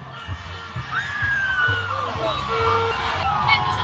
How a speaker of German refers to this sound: Um genau zu sein, sind es 2 Busse, die hier direkt hintereinander vorbeifahren. Die Stimmung ist hier immer noch und jetzt erst recht ausgelassen. Die Feuerwehr von Nuke spritzt hier aus ihrem Auto jetzt Wasser auf die Busse.